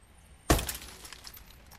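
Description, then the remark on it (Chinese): A sudden loud smash of a police car's window being broken by someone outside the main gate, a sharp impact followed by a bright scatter of shattering glass and tinkling fragments that fade over about a second, with no voices. “正当赵所长向司机们了解黑社会敲诈勒索信息的时候，突然听到大门外砰的一声巨响，赵所长的警车玻璃被人砸了。”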